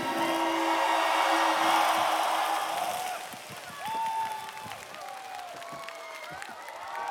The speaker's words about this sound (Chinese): 哇，来掌声再一次给他。